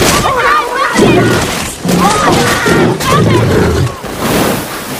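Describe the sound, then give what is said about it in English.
A large hippo gobbling Bethany up in a river: loud, churning water splashes and crashes mixed with deep, harmonic grunts and cries, dense and continuous for about five seconds with brief dips. “A large hippo gobbles Bethany.”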